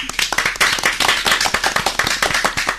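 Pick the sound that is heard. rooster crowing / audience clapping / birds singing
audience clapping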